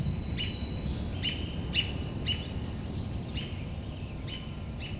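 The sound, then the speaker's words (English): A robin gives repeated short call notes, clear chirps recurring at a steady, spaced rhythm against a low rumbling background, with no talking. “And the robin making call notes.”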